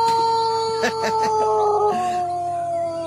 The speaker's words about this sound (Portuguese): Olha o galo nervoso. Esse galo aí tá nervoso mesmo